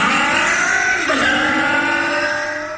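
A car engine revs loudly and steadily, its pitch climbing and shifting as it accelerates, then gradually fading slightly toward the end. No voices are heard.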